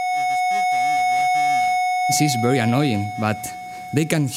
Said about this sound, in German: Und zwar ist das Sinnesorgan des Mückenmännchens exakt auf die Flügelschlagfrequenz des Weibchens abgestimmt.